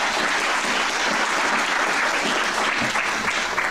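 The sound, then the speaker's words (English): An audience applauds the Development Bank of South Africa for agreeing to host a fund, steadily for several seconds, a dense, even wash of many hands clapping at constant loudness with no voices standing out. “I think we should give them a big round of applause.”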